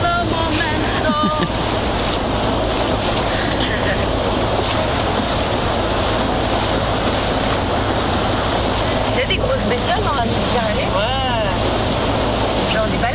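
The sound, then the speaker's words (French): A shuttle ferry running from L'Estaque to the Old Port of Marseille, France, rumbles steadily as it crosses the sea, with waves rushing past the hull and wind buffeting the microphone; brief voices surface near the end. “Ça, c'est le bateau qui mène de l'Estac au vieux port de Marseille. La navette.”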